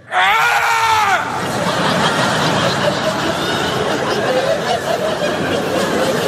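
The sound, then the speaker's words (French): A man demonstrates his scream once he feels ready: a loud, harmonic human scream bursts out for about a second with a wavering pitch, then dissolves into dense noisy commotion that sounds like laughter and chatter continuing to the end. “Une fois que je me sens prêt. Prêt. Là, je crie, comme ça, je fais...”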